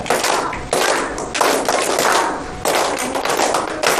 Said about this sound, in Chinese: 对， 对，好了，很好，把掌声先送给他。